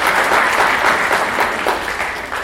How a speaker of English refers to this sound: And of course, this would not be possible without you. So give yourself a round of applause for coming this afternoon.